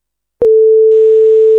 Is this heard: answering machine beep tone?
yes